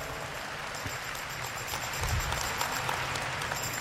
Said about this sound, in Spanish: Dele un aplauso al Señor que nos enseña tanto.